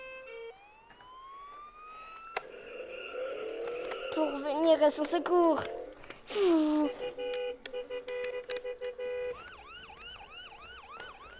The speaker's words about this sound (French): Et là, les ambulances, ils sont venus.